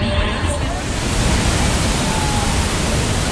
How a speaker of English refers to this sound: A majestic fall straddles the two countries.